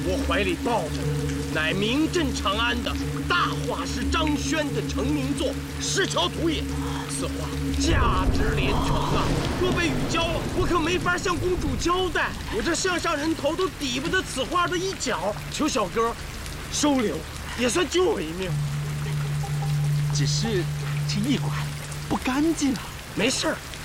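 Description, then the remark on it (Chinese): Heavy rain pours steadily at a post-station inn in a desolate wilderness, a constant hiss beneath several people talking, with a low sustained tone droning in the background during the opening seconds. “涡鹿人遭此大雨投宿，碰上了便是缘分，尽管收留。”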